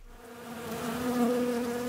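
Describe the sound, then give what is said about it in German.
A steady, droning buzz of many ground wasps at their nest under the lawn, hidden in the grass in front of the changing cabins at the back of a swimming pool in Bamberg; fairly loud, swelling slightly and holding on with a low humming tone throughout, no voices present. “Hier ist Aktivität und zwar nicht nur über, sondern auch unter dem Rasen.”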